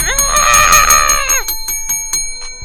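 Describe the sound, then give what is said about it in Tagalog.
A bright, ringing bell, Kuya Elmer's bell, sounds loudly for over a second with a shimmering, sustained tone, then decays into faint repeated ticks and a soft thump at the end. “Ito na yung bell ni Kuya Elmer, oh.”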